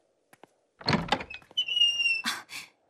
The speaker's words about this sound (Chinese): 谁？ 我去开门。